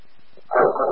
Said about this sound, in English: Man, we need animal control. We have a large dog, a thousand patients. We can't make patient contact until the dog is under control.